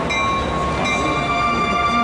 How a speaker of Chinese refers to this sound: 前往南京的火车马上发车了，请各位旅客抓紧紧。 各位旅客马上就要发车了，把行李放好，注意安全。